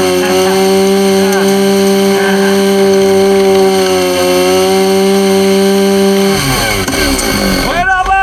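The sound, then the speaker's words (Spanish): A chainsaw cuts into a wooden pole carrying telephone and cable lines, its engine holding a loud, steady buzzing drone before the pitch shifts and revs sharply near the end. “Si cortas el poste, vas a cortar los cables.”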